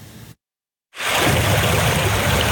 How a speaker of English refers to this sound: Water rushes through the fairway at the Bluffs Golf Club just outside Port Stanley. The water is about a knee-high deep.